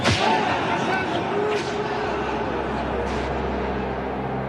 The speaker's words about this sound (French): La peine habituelle est de 50 coups de fouet.